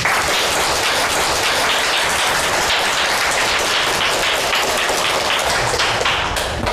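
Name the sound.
classroom applause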